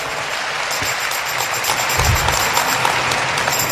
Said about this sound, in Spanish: Dele un aplauso al Señor que nos enseña tanto.